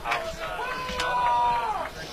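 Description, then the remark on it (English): A large crowd of Marshall fans at Hoops Family Field chants "We Are Marshall" in unison, many voices holding a sustained, rising and falling tone over a steady roar of crowd noise that stays loud throughout, cheering their team towards a goal against Fairfield. “And you can hear the Marshall faithful with their We Are Marshall chant, trying to cheer this team towards a goal and a hopeful victory.”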